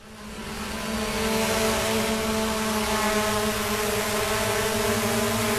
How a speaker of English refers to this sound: The hum of a drone is a familiar sound to the people of Moree